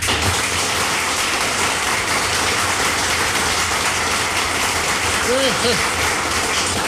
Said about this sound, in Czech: Přivítáme potleskem Jirku Sováka.